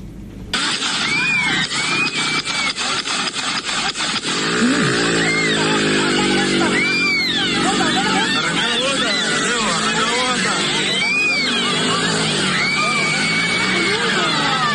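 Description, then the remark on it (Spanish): A rapid burst of about ten sharp gunshot cracks rings out in quick succession during a street fight among several young people in Río Cuarto in the early hours of Sunday, followed by a crowd shouting and yelling while an engine revs. “Escuchen bien, eso es track, track, track, track, track, track, track. Tiro. Balas. Como 10 tiros son.”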